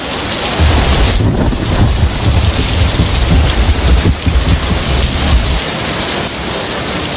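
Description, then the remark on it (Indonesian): Heavy rain pours down in a steady, dense roar, with a deep low rumble like thunder rolling underneath for several seconds before easing back to just the downpour. No voices. “Kayak hujan di luar yang makin deras, hidup di kota makin hari makin keras.”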